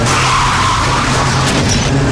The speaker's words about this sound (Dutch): De nu al traditie geworden race voor achteruitrijders onder auspiciën van de Tros vond ditmaal plaats op het Eurocircuit in Valkenswaard. Een andere omgeving dan in Zandvoort, maar wel met precies dezelfde effecten.